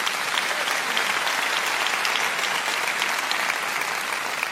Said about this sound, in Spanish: Denles un aplauso a mis dos voluntarios aquí.